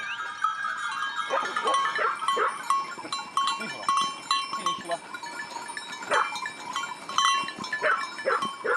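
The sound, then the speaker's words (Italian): A shepherd's large flock of 260 sheep bleats constantly, many overlapping calls, with faint bell clinks and scattered rustling in the background. “ha deciso fin da piccolo di seguire le orme dei nonni, di diventare un pastore. Ha 260 pecore.”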